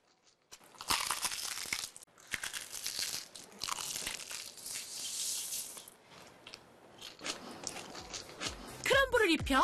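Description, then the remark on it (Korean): Loud, crackly crunching from biting into crispy fried chicken, with bursts of noisy crackle repeating for several seconds before trailing off into a brief tonal sound at the end. “크런치하고 크리스피하다.”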